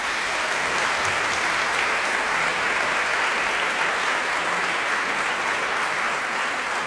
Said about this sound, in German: Einen großen Applaus für den Rundfunkchor Berlin und für Chefdirigent Gijs Lennerts. Danke.